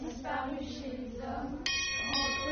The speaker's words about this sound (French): L'infatigable cloche sonna de nouveau.